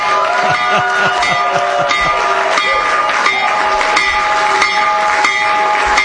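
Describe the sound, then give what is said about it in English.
A loud, steady stock market opening bell, rung by the U.S. President, rings continuously for several seconds while a crowd cheers and claps around it, with scattered voices mixed into the noise. “When the markets open in just a few minutes, Trump accounts will benefit. So ring the bell, Mr.”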